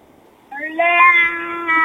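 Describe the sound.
A voice imitates a lion's roar with one loud, sustained, fairly high-pitched growl-like cry that starts abruptly after a short quiet moment and holds steady for over a second.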